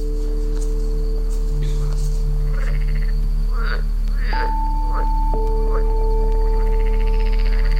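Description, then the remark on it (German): Frogs croak at night in a loose, repeated series of short raspy calls, moderately loud, layered over steady humming tones that sustain throughout. “Welchen Frosch würde ich auch nicht meine beste Show abliefern, wenn überall um mich herum merkwürdige Menschen sind?”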